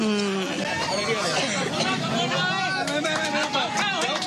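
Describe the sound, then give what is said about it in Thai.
A crowd of villagers on both sides of the road cheers and chatters in a steady, lively hubbub, with scattered sharp claps breaking through toward the end, applauding to encourage the Prime Minister and his delegation. “มีเสียงของชาวบ้านนะคะจากทั้งสองข้างทางนะคะก็ปรบมือให้กำลังใจนะคะท่านนายกรัฐมนตรีพร้อมกับคณะนะคะ”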